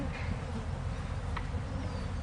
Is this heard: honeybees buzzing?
yes